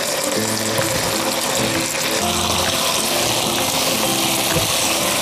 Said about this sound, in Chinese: 十分钟的时间差不多了，我们看一下，把青红椒下入锅中翻炒一下